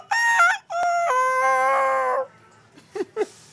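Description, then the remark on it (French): A person imitates a rooster's crow: one loud cock-a-doodle-doo with a brief opening note and a long, wavering drawn-out finish, followed by two quick clucking sounds. “Même le coq, ça, c'est qu'une phase.”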